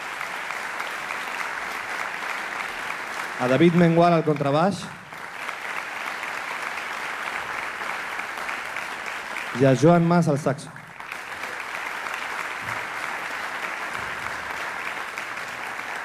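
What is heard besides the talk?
audience applause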